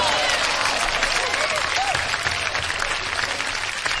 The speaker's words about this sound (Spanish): Un aplauso.